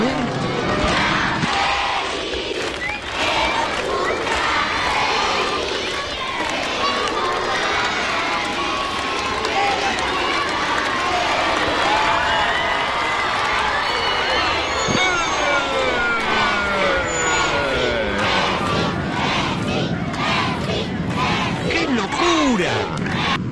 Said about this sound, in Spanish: Y lo último para despedirnos de Instituto, escuchá el feliz cumpleaños que le cantó la escuelita de Instituto a Lionel Messi.